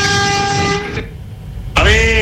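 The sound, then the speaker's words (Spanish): A loud, harmonic horn of a Madrid municipal transport (EMT) bus, sounded by its driver, blares for about a second, cuts off into a short pause of low engine rumble, then blasts again just as strongly. “aquí un conductor de la empresa municipal de transporte de Madrid que te escucha. Y ahora una dedicatoria de bocina, mira.”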